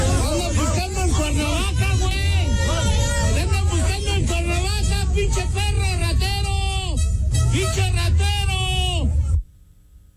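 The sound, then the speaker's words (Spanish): A large crowd at Estadio Azteca, after the tournament's opening match between Mexico and South Africa, shouts and jeers at Blanco as he leaves escorted by the National Guard. Many overlapping raised voices form a loud, continuous roar of chanting and yelling that cuts off abruptly near the end. “Iba escoltado por la Guardia Nacional, pero con todo y su seguridad, pues la gente le gritó así, vamos a escuchar.”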